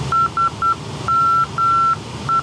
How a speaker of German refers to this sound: Das ist die Morse-Kennung von dem Funkfeuer, das das Flugzeug gerade ausgewählt hat zur Positionsbeilung.